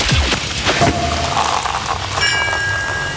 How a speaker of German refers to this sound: Denn immer, wenn ihr bei uns die Sektkorken knallen hört, das Ganze klingt dann ungefähr so.